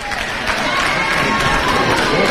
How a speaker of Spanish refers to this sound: Arrancan ya, efectivamente, aplaudidos por la gente. 30 años, piden ese reconocimiento al paso, aplaudidas.